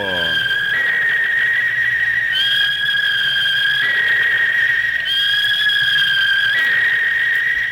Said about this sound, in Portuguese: O juiz colocou o apito na boca, ninguém mexe mais na bola no primeiro tempo.